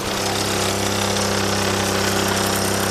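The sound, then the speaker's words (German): A small Solex moped engine in Delémont, started by lowering the motor, giving gas, pressing the decompressor and taking a run-up, runs loud and steady with a buzzing, slightly rattling drone that holds an even pitch throughout and no one talking. “Also, ich muss einfach den Motor runterlassen, Gas geben, den Dekompressor hier drücken, Anlauf nehmen und dann geht's los.”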